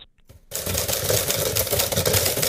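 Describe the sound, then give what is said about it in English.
After a brief quiet moment, a typewriter breaks into rapid, dense clattering of keystrokes that runs steadily to the end, loud and alone with no voices. No carriage return or bell is heard. “I was just listening for the next bit where you get the return.”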